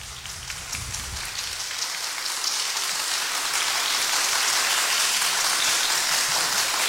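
Dense, continuous applause builds over the first couple of seconds into a steady, crackling wash of many hands clapping, holding at an even level with no voices.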